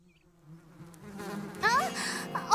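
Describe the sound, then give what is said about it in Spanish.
A dense swarm of bees still inside a found hive drones as they are disturbed, the low buzzing swelling steadily louder and more agitated, with a few brief high squeaky accents near the end. “¡Siguen adentro! Y creo que estamos molestándolas.”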